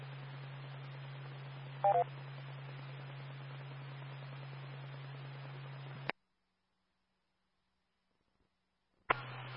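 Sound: telephone touch-tone dialing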